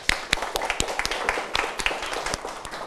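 A class of students claps for a classmate who has just answered the teacher's question: a scattered burst of many sharp, uneven hand claps overlapping for a few seconds at moderate loudness, with no voices standing out.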